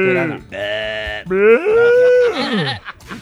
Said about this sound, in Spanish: Esa es la chiva ya